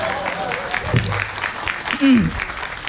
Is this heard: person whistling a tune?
no